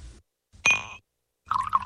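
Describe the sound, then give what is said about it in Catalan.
A glass clinks once with a bright ringing tone, then after a short pause whisky pours into it in a gurgling trickle. No one speaks. “Què et sembla, un whisky? Un bon raig.”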